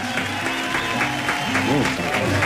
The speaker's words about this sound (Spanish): Y los guasos de Algarrobal se encuentran aquí en el estudio de la radio Bío Bío. Un aplauso fuerte.